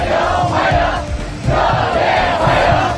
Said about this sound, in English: And cheering students have welcomed Donald Trump to Beijing, where he's due to have talks with China's president.